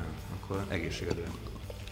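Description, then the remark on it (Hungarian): A bottle of Szentkirályi mineral water is opened and poured: a gurgling, splashing trickle lasting a couple of seconds, with a faint voice murmuring underneath. “És meg is bontok egy szentkirályt.”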